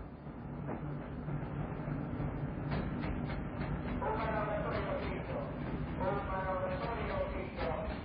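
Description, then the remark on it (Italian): A freight train rolls steadily along the rails with a constant heavy rumble and clatter and a couple of high metallic squeals rising over the noise. “Io, Reverendo Bob Dobbs, della Chiesa di Tetan, mi trovo in missione su di un treno merci.”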